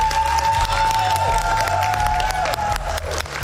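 A crowd applauds loudly and steadily, dense clapping mixed with some cheering and a sustained tone in the background, continuing throughout.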